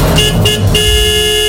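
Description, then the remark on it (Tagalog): A car horn honks loudly: a couple of quick toots, then one long sustained blast that carries to the end, with no voices, used as the intro to a fuel-price news segment. “Kapit na mga motorista, ito na ang busina sa petrolyo.”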